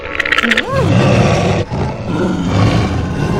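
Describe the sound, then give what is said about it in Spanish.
Wolves growl low and continuously, a thick rumbling snarl that fills the whole moment, with a short rising whine early on before the growling carries on loud. “No vea, congresista, pero los lobos están aquí.”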